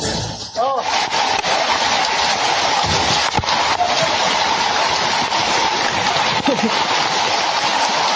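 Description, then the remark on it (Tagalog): Loud, steady rush of floodwater in Paraniaki City, reaching shoulder height on adults, surging continuously, with occasional splashes and brief, faint voices buried beneath the roar. “Oh, sus, grabe yung tubig.”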